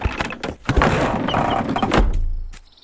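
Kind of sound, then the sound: household object, door opening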